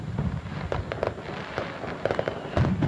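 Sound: fireworks bursting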